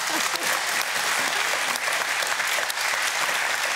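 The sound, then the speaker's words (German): Steady audience applause, a dense wash of many hands clapping at an even, loud level for several seconds without pause. “Der Applaus geht nach Goslar.”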